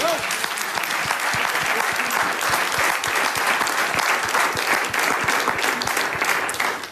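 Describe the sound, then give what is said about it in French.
Sustained audience applause introducing a comic piece about Belgian politicians, a dense steady patter of many hands clapping at an even, loud level for several seconds, with no voices standing out. “Applaudissements.”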